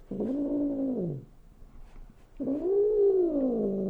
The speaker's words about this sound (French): Ça se fourre dans vos pieds, ça laisse des poils partout, ça passe son temps à miauler.